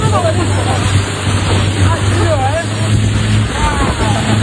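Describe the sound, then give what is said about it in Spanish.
A small motorboat's engine drones loudly and steadily as it accelerates on the water, with water and wind noise around it and indistinct voices faintly audible underneath. “Imagínate que estás tranquilamente de vacaciones en Botsuana, navegando, y que una pequeña, que estás en una pequeña lancha, cuando de repente tu guía te dice: agárrate, que tenemos que acelerar, que viene un hipopótamo.”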